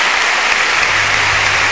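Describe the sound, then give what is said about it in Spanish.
A crowd claps steadily, a dense, even wash of crackling applause that holds at a strong level throughout, with a faint low hum underneath in the second half. “El aplauso es para”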